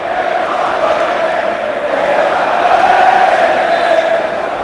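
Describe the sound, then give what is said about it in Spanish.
A large stadium crowd at a football match between Murcia and Europa shouts "Qué malo eres" at the referee, a dense, continuous roar of many voices that holds steady and swells slightly toward the end, with no single voice standing out. “Qué malo eres, le están gritando.”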